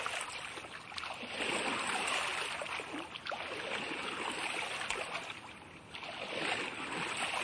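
Water laps and splashes steadily around a small drifting boat, a continuous wash with soft sloshing swells and no voices.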